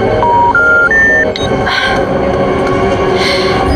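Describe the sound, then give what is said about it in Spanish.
A phone's dropped-call failure tone plays three short rising beeps at the start, over a steady, loud rumble of rail noise that carries on alone afterward. “Aquí estoy, la llamada se cayó.”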